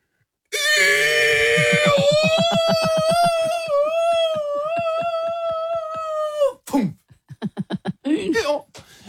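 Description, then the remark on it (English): A person loudly imitates a donkey falling out of a plane: a long, wavering, braying wail with a rapid pulsing rattle, breaking into short choppy hee-haw bursts at the end. “Yes, a donkey falling. Who's fallen out of a plane?”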